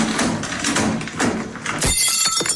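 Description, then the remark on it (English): A heavy glass shower screen comes off its tracks and crashes down with a loud thud, smashing a mirror in a bright burst of shattering glass and scattered tinkling shards, with no voices. “The shower screen's finally come off the tracks and smashed the mirror.”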